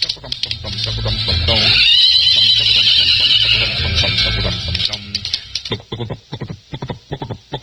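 A horse lets out a loud, shrill whinny that wavers for a couple of seconds, followed by muffled voices and scattered background noise.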